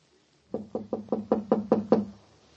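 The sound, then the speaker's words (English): Eight sharp knocks rap on a door in a steady, even rhythm, each one a hollow thud that grows slightly louder toward the end. No one speaks. “She doesn't answer, Ellen. She might be sleeping. Open the door, we'll wake her.”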